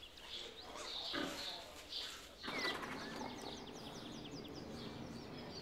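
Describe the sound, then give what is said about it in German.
Snuffling grunts from the sow Stine and her eleven piglets at a newly finished outdoor ramp mix with rustling and movement noise, steady, with a few sharper chirping sounds scattered through the busy background. “Die Außenrampe für Stine und ihre Elferkel ist fertig.”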